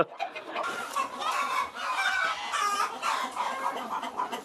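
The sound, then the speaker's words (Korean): A brooding hen in a farm's egg-laying house clucks and murmurs continuously, refusing to leave and pecking to stop its eggs being taken, with other chickens adding busy, overlapping vocal chatter; the pecking itself is not clearly distinguishable beneath the calls. “그리고 한 녀석은 이렇게 왔는데도 지금 안 나가고 있어요. 지금 알 가져가지 말라고 막 쪼는 거예요.”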